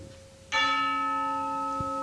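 A single loud church bell strike that rings out with a rich, sustained metallic hum, slowly fading over a quiet background. No one speaks.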